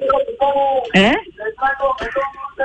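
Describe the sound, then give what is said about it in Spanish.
A tinny, amplified voice blares from a passing street vendor's loudspeaker, sounding compressed, calling out a sales pitch for melons in a steady stream with no other sounds around it. “Andan pasando una propaganda. ¿Qué venden? Melones.”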